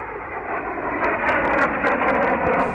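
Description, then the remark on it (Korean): A dense, steady roar of three airplanes flying overhead toward marching Red Army troops swells slightly louder partway through, with faint crackling hiss on top and no voices. “홍군이 한창 행군하고 있을 때 곤룡 쪽에서 비행기 세 대가 날아왔다.”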